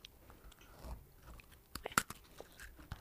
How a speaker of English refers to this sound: now you can't really see where the mics are, but try and bite into the mic so that people can hear the crunch, okay? Why do we want... Oh. There we go. We are going on to biscuit number two. Take a bite, each of you.